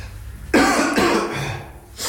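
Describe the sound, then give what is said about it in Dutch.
A colleague coughs: a harsh, loud cough bursts out abruptly, followed by a second rougher cough and a raspy, throaty trailing breath before a brief new onset at the end. “En haar collega maakt dit geluid.”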